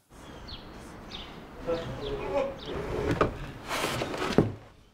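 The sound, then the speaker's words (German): An old wooden door of a former wool spinning mill in Bad Segeberg, being turned into a museum, is moved, giving a series of thin squeaky creaks followed by several hollow knocks and rattles as loose parts bang against the frame. “Der Zahn der Zeit hat an dieser Tür genagt. Hier, das ist lose.”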